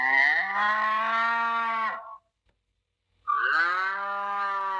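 A cow moos twice, two long, loud lowing calls separated by about a second of silence, with no talking.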